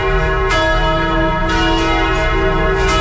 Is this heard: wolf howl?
no